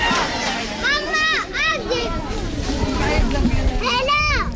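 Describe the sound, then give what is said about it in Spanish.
Children shout and call out over a steady outdoor din, with high-pitched, bouncy cries rising in bursts at the start and again near the end, amid lively kids' play on the crowded sports courts of Sidin Barek, full of kids running around. “Así suenan las pistas deportivas de Sidin Barek, Paula. Están repletas de chiquillos que corretean, de adolescentes que navegan por el móvil y de mujeres que recogen mantas, que barren el suelo.”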